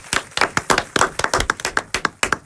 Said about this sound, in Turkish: Alkışlıyoruz.